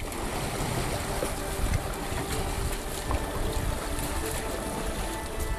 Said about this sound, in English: 14 people on the boat, pushing away from the dock.